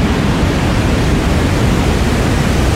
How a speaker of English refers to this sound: I found out the top three things that people listen to go to sleep at night. Okay. Number one is white noise.